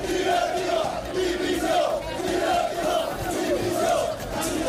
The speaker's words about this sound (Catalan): Aquests eren els càntics que s'escoltaven fora de Montilivi un cop acabat el partit.